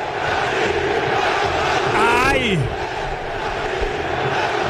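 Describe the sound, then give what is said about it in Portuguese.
Cruzeiro football supporters in a stadium roar and chant as a steady, dense crowd noise for the whole stretch, with one loud shouted cry sliding up and down about halfway through. “Olha só a torcida. Vamos ouvir.”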